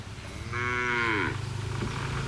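A cow moos once, loud, a drawn-out low bellow lasting under a second, at a market stall selling sacrificial cattle, over a steady background hum.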